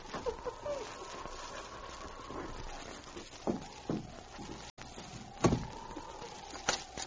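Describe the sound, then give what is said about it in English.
A door being unbarred and opened: a handful of sharp wooden clunks and thuds at irregular intervals, standing out over a steady low droning hum, with no voices. “All right, then. I'll unbar the door.”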